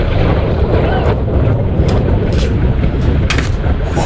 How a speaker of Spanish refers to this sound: Este era el momento captado por los aficionados que presenciaron esa explosión desde la costa frente a la Estación Espacial de Cabo Cañaveral.